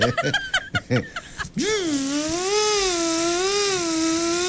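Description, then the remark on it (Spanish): After a second of choppy voice sounds, a steady buzzing whir like an electric blender takes over, its pitch wobbling slightly up and down for about three seconds, probably a voice imitating the motor. “A ver, enciende la licuadora.”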